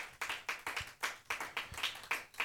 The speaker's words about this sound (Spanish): Aleluya, gloria a Dios, dele fuerte esas palmas al Señor, gloria a Dios.